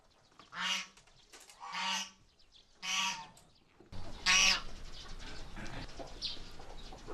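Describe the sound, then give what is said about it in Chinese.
Two geese, Guoguo and Fubao, kept by a grassland herder, honk at feeding time: three loud, evenly spaced calls, then another sharp honk over a burst of rustling, noisy background, with more faint honking fading behind. “和他一起来的还有另一只鹅，福宝。”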